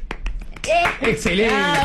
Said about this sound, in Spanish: Todos los que pusieron C en los comentarios. Todos. Se han ganado. Un aplauso.